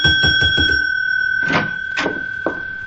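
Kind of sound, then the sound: signal or alarm, bell being rung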